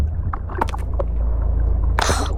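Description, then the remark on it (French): A fishing boat's engine passes overhead as fishermen throw their fishing net, heard from the sea floor as a steady, muffled low drone from beneath the water, with scattered clicks and a short bubbly hiss near the end. “Oh, un bruit de moteur au-dessus de nous. Pétard, des pêcheurs, manquait plus que ça.”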